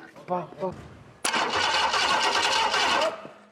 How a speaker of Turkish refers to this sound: Bu yüzden biz de kendi cihazımızı yaptık. Motor çalışsın, fazla mı ısınıyor, yağ mı kaçırıyor, duman mı çıkıyor, nasıl çalışıyor... O zaman bunları rahat rahat görürüz.